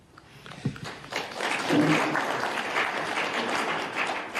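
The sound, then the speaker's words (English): An audience breaks into applause, starting with a few scattered claps and swelling after a second into a dense, steady roar of clapping that holds to the end. “And we must applaud these farmers.”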